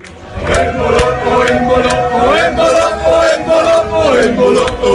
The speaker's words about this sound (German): Ja, die Schweizer Fans, die sind am Jubeln.